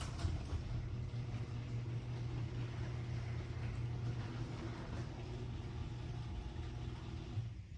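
A garage door running on new nylon-coated rollers gives off a steady, low mechanical hum for several seconds. It is smooth and even, with no clanking or squeaks and no voices. This is the door after its rollers were replaced.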